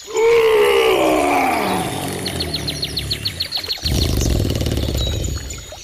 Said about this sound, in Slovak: Ja myslím, že by to mal byť kráľ zvierat. Lev.